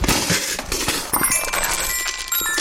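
Dice and a small metallophone fall out of a cardboard box of odds and ends in a dense, steady clatter of clicks and knocks, with bright, high ringing tones chiming through from about halfway on; the dice land showing three sixes. No one speaks.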